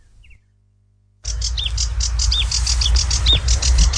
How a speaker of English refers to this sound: That is a sedge warbler. It's an acrocephalus warbler, which is kind of one of those reedy warbler things. And it's brown and streaky and only about 5.5 inches long. But these birds come from trans-Saharan Africa to breed in this part of the world.